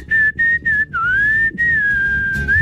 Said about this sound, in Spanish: se desafina hágale, silbando.